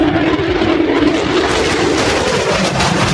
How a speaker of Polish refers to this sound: Samoloty F-35 zostaną dziś oficjalnie przyjęte do służby. Trwa właśnie uroczysty przelot maszyn. Pojawiły się już nad Westerplatte.